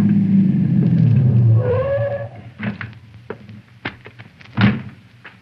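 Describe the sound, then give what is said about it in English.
A car engine rumbles and winds down as it stops, followed by a few sharp clicks and a solid thud of a car door shutting; it is Conestoy's car arriving around a curve. “They were packing up their equipment to leave by the back door when around the curve, I saw Conestoy's car approaching.”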